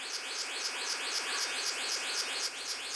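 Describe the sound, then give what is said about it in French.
A male blue bird-of-paradise, seeking a mate, calls with a steady run of rapid, repeating high notes that rise and fall in a rhythmic pattern, fairly loud and continuous, with no voices. “Un paradisier bleu mâle en quête d'une compagne.”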